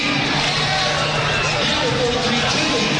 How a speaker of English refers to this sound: Now we've got Central crowd coming to life again with a "Here we go, Central."